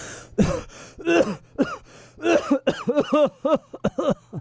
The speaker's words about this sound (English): Mr. Poe's eyes widened in surprise, and his coughs echoed in the dark room before he spoke.